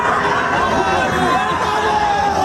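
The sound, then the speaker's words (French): A dense crowd of fans welcoming the French national team, Les Bleus, in the United States shouts and cheers without a break, many overlapping voices forming a loud, steady roar with raised, excited calls rising through it. “Bah, sacrée ambiance, effectivement, ça fait pas ça, nous, qu'on arrive en studio le matin, personne ne crie comme ça.”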